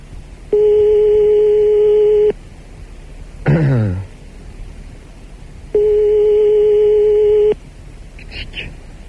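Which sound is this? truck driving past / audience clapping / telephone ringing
telephone ringing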